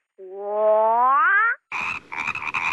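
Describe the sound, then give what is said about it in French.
A person imitates a frog croaking: one long, drawn-out, rising croak, then a short pause and a few raspier, rattling croaks, loud with no other talk. “Parfois... il m'arrive de me sentir comme une grenouille.”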